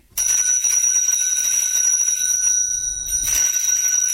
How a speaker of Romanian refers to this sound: Stai, ăsta-i clopoțelul meu.